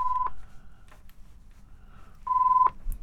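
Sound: telephone call tones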